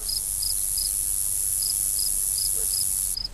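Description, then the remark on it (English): Spider monkey calls: a string of short, high-pitched chirps repeating at a quick, fairly even pace over a constant high hiss, with no talking. “Okay, you are definitely ready for the answer, because the answer is a spider monkey.”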